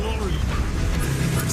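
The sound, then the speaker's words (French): The V8 engine of a Daimler Dart car runs with a steady, loud, deep rumble and throbbing low harmonics that hold constant throughout, with a faint higher hiss layered over it. “À ton avis, pourquoi est-ce que ce bijou avec moteur V8 n'a pas eu de succès?”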